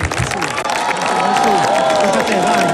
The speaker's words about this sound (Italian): Ancora un grande applauso,